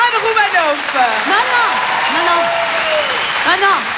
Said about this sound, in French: Merci. Et applaudissements pour ma meilleure amie.